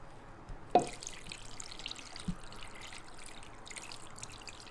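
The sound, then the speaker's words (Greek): Water pours steadily into a pot over chicken wings and drumsticks to cover them, a continuous splashing trickle with a couple of brief clanks near the start, and no one speaking. “Κάτω τις φτερούγες. Ακουμπάει από τη μία πλευρά πάνω. Πάνε πάνω τα μπουτάκια. Εδώ, αυτό. Σκέπασμα με νερό.”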